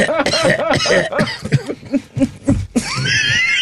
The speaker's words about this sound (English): Excuse me while I blow my nose. The little Snotty Pippin is here again. My eyes are running and everything.